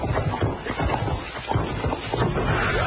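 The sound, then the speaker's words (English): Horse hooves clop along steadily in a quick, continuous rhythm, fairly loud, over a dense, muffled background with no talking. “He jumped off his horse and ran behind that piece of down timber.”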